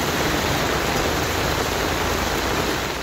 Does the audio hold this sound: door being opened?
no